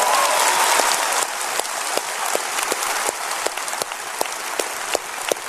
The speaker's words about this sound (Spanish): ¿Hay gente contenta de estar en la casa de Dios? Dense un grito y un aplauso que yo pueda creer y que otros en Houston puedan creer.